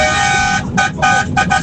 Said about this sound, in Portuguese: Vai lá, buzinada aí, hein.